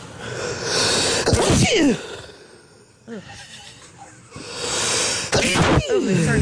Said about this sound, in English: I'm thankful for my Ring camera because you may remember I sneeze and I was like, wow, I wish I had that on tape. Wait a minute. And then I turned around. I went to my Ring cam. That's me. That's my sneeze.